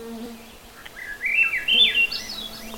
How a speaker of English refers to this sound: That lovely flute-like song is a Swainson's thrush.